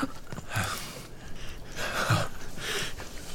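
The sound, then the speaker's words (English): Labored, rattling breathing, a wet rasp repeating in uneven, heavy breaths with brief pauses between them, and no talking; the rattle comes from a man's lungs filling up with fluid. “You hear his breathing? That rattling sound. It's because his lungs are filling up with fluid.”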